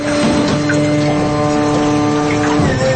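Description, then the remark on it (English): A boat's engine drones steadily as the boat pulls up to the muddy, grassy shore of the Lemon Tree Mound after a lengthy ride, a loud continuous hum with rushing water and wind noise around it on a windy day, holding a constant pitch throughout. “After a lengthy boat ride, we finally pull up to the mound's shore.”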